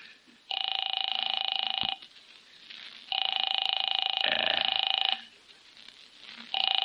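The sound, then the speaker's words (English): An old telephone rings in long, steady electronic bursts as a call is placed, three rings in a row with short pauses between them, loud, with a faint background murmur. “I'll phone”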